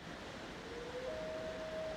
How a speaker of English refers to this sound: There's no IP on Loon Sound, so I think it's virtually uncountable the number of Loon records that were produced. I like this.